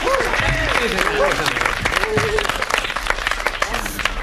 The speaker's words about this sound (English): Come on, give yourself some applause.